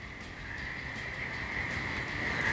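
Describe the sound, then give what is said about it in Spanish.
A dense chorus of toads trills continuously, forming a steady, buzzing high drone that swells slightly louder toward the end, with no voices present. “Estos suenan, son sapos.”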